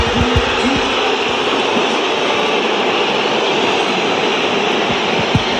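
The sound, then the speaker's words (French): A stadium crowd at the Vélodrome whistles in disapproval as Benjamin Pavard comes on as a substitute for Timothy Weah in an OM match, a loud, dense, unbroken wall of shrill whistles and roar lasting the whole stretch, with no clear voices standing out. “La cote de popularité de Benjamin Pavard au Vélodrome en un son, celui des sifflets.”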